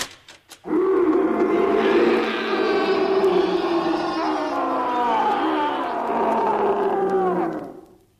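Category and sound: animal, tiger roaring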